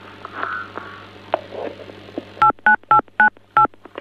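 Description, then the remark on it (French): Five short, evenly spaced electronic telephone keypad beeps, as someone presses phone keys, ring out clearly after a stretch of low background noise and a faint hum, each tone a crisp dual-pitched blip. “on dirait que quelqu'un appuie sur un des touches de téléphone”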